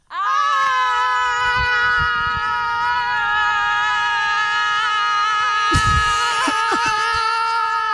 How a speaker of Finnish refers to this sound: Sitten kun mä lähetän, niin toinen lähtee toiseen suuntaan, toinen toiseen suuntaan ja tämä huutokaanoni alkaa.